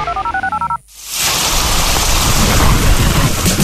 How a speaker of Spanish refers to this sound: Cuando llueve fuerte y se inundan las calles, nunca abras las tapas del alcantarillado para evacuar las aguas lluvia